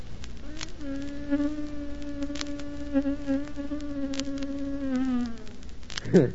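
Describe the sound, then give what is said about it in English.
A person imitates bees flying around a piece of cheese on a table in a store, with a sustained, wavering buzz that runs for about five seconds, fairly loud, rising slightly in pitch near the end before breaking off. “Piece of cheese laying on the table there, you know, and they flew around it, you know. They started to light on it, you know, and it went like this.”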